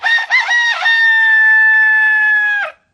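A rooster crows loudly, one long drawn-out cock-a-doodle-doo with a choppy start, holding steady for over two seconds before cutting off.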